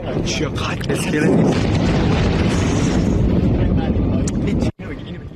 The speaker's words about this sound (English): Now, earlier, President Trump posted these videos of explosions on social media.